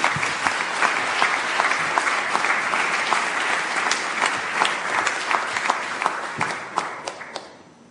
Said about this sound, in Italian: Quindi io vi chiedo di accogliere con un caloroso applauso